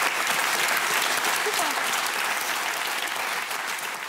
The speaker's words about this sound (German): Das ist toll, was Sie machen. Und wir klatschen für Sie, was Sie geschafft haben.